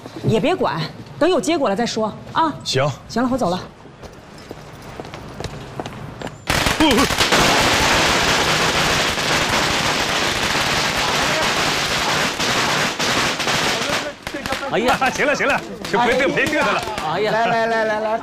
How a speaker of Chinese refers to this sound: 哎，各位各位啊，哎，之所以放一挂鞭炮让大伙集合一下。